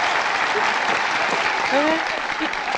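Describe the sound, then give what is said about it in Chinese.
Warm, sustained applause from an audience welcoming film actors, including actress Tao Yuling, who played the female lead in the 1950s film 'Liu Bao de Gushi', a dense, even wash of clapping that stays loud for the whole stretch, with a few brief voices rising through it. “这位是曾经在50年代《刘宝的故事》里扮演女主角的陶玉玲同志， 快去， 他们从屏幕上走下来了，让我们以热烈的掌声欢迎他们。”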